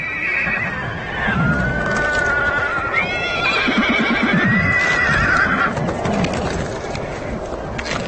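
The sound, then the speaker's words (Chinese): Konik horses neighing and whinnying, several drawn-out overlapping calls rising and falling over a few seconds, with restless hoof clatter and shuffling underneath, as the herd is stirred up at a frozen stream it must cross in freezing temperatures. “这条结冰的小溪在小马群中引起骚动，他们必须从这里通过，问题是谁先过。”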